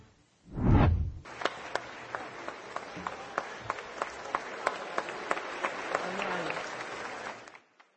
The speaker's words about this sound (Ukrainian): Ось так, стоячи і з оплесками і словами вдячності, нині вітали і проводжали народні депутати Юлію Свириденко, вже екс-прем'єрку.